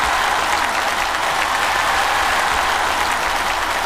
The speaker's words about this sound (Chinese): 听过掌声能感觉到，是不是觉得我还是很帅的？